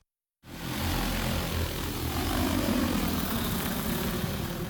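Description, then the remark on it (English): Drone propellers buzz steadily and loudly after a brief moment of silence, a continuous whirring hum with a low droning tone, as the drone captures images of water where mosquitoes breed, with no one talking. “Drones capture detailed images so AI can determine the size and origins of water bodies.”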